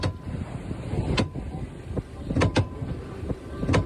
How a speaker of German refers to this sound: So klingt das, wenn der Orca gegen die Steuersäule rammt. Die hörten sich auch nicht so gesund an.